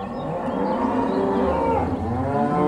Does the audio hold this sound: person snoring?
no